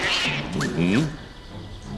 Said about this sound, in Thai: เสียงแมวเหรอทำไมในท้องพระโรง